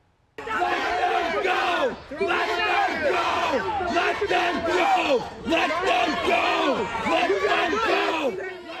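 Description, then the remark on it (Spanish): Dozens of protesters in Oswego, New York, shout together at Border Patrol agents surrounding a property, demanding they present a court order; many raised voices overlap in loud, continuous yelling, with brief surges and dips in intensity throughout. “Al lugar llegaron decenas de manifestantes exigiendo a los agentes que presentaran una orden judicial.”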